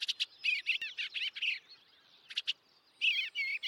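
Birds sing and chirp in quick bursts of bright, warbling notes, with short pauses between phrases, clear against a quiet background.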